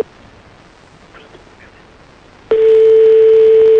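Faint background hiss, then a call to a mobile phone starts: abruptly a loud, steady single-pitched telephone tone cuts in and holds unbroken to the end. No one speaks.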